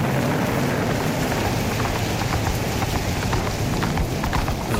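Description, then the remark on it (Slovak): Rapid, rhythmic hoofbeats of a galloping horse pound steadily under a dense, constant hiss of heavy rain and wind in a storm over rocky land, loud throughout with no voices. “Kam ma to nesieš? Hej, prr, stoj!”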